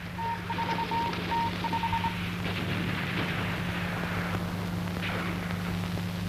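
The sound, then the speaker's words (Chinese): A string of short, evenly spaced electronic beeps from a telephone being dialed plays over a steady low hum and rough background rumble, then stops, leaving only the noisy drone. No one speaks. “打电话问问北面情况怎么样？”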